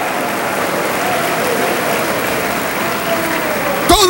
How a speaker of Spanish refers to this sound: Al nombre de Cristo, gloria. Dele palmas, dele gloria a Dios. Alabado sea el Señor.